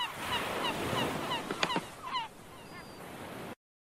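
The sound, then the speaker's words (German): Several squawking seagull cries ring out over a steady rushing background, a few harsh calls clustered together before fading into quieter wash. “Auch der Möwe ihr Geschreie befreit dir keinen, oder doch?”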